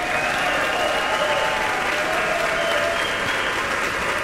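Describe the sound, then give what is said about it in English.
Sustained applause from a large audience fills a concert hall at a Piano Cleveland piano concerto performance, a dense, steady wash of clapping at a consistent loud level with no pauses and no voices standing out. “Let's have a huge round of applause”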